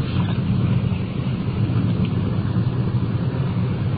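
A car's engine and road rumble hum steadily and fairly loudly throughout as the vehicle pulls into a driveway, a continuous low drone with no voices and no distinct bumps or stops.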